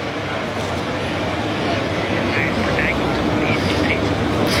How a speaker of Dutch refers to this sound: Het ligt aan een hele drukke weg hier, dus dat zou je wel kunnen horen. En het is hier ook wel erg druk.